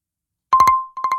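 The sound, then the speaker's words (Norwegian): A telephone rings loudly with an incoming call to the Radio Bingo show, two quick bursts of three sharp trilling pulses over a steady electronic tone, with no voices present. “Her kommer det inn en telefon.”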